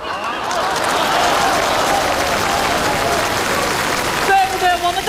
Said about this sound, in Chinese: 掌声祝贺一下，姜昆点燃了生活新希望。